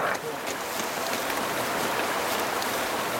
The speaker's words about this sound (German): Wir erreichen einen Bach. Das Wasser ist braun-schwarz vom Lavagestein.